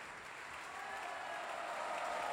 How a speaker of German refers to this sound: Und während das Publikum weiterhin applaudiert, jetzt gerade für Asmik Gregorian, verabschiede ich mich bei allen Hörerinnen und Hörern nah und fern.